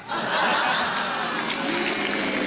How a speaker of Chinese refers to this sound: 就这您还鼓掌呢？这跟我都没关系。